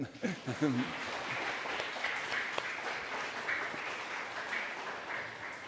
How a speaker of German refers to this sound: Und da ist unser Techniker Tim Brothage, der uns immer unterstützt. Ein Applaus für Tim, bitte.